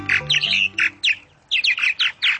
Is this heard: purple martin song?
yes